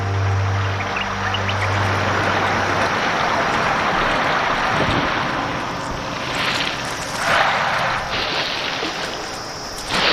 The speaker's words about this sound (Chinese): 两种大象都有象鼻，这是地球上最灵巧的工具之一。象鼻可以取水并送入嘴中，而一次吸取8升或更多的水，也很适合进行一场凉爽的淋浴。